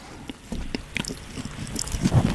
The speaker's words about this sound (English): Just chew as loud as you can into the pop shields.